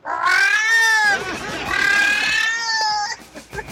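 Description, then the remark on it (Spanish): A person imitates a female cat in heat, letting out two long, loud, wavering yowls, the second trailing off into a short, strained cry. “Mira, así sería una gata en celo.”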